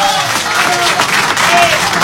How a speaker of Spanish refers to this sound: Fuerte el aplauso